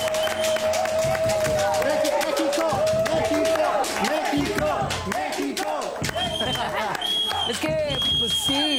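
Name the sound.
applause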